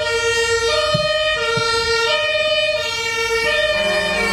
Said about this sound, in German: Auch unterstrichen von den Sirenen.